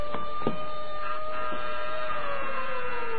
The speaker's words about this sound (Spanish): El doctor Kiro avanza blandiendo ahora su siniestro bastoncillo y mueve varios botones en un tablero. Un rumor de alarma se extiende por todo el refugio subterráneo.